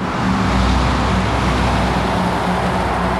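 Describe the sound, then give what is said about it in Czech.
Steady roar of traffic on a village road in Horní Stropnice, where dozens of lorries loaded with timber pass daily, with the low rumble of heavy vehicles and engine hum continuing throughout, loud and unbroken, no voices. “Po představitelích obce požadují úpravu místa, kudy denně projíždějí desítky kamionů naložených dřevem.”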